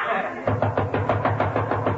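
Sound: knocking on a door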